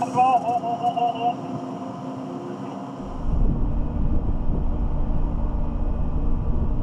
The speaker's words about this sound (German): Ausgerechnet jetzt kommt die Fähre im Nachbarterminal an.